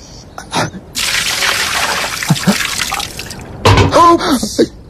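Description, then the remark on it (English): Water splashes and pours out in a steady rush lasting a few seconds, with brief thuds and a short vocal sound near the end. “Do you like water?”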